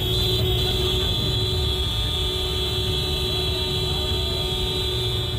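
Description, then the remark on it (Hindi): Many vehicle horns blare together in one continuous, steady, loud honking drone over a dense rumble of engine and crowd noise, honked in protest against Madhya Pradesh Chief Minister Mohan Yadav after roads in Singrauli were blocked for his convoy, in scorching heat. “सामूहिक रूप से हॉर्न बजाकर यह मध्य प्रदेश के मुख्यमंत्री मोहन यादव के खिलाफ प्रदर्शन है।”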